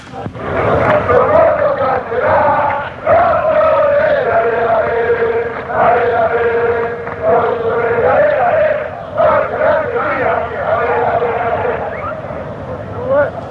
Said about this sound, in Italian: Niente, questo è un coro, niente, di semplice incitamento per la squadra, uno dei tanti. La musica è stesso motivetto usato per l'inno della fossa.